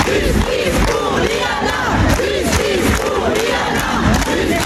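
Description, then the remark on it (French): A loud protest crowd of about 2000 people in front of the courthouse in Toulouse, shouting together in rising and falling waves of raised voices, a dense continuous roar with repeated surges of yelling and no single voice standing out. “Il y a eu des cris et des larmes, et puis de nombreux manifestants qui ont spontanément pris la parole.”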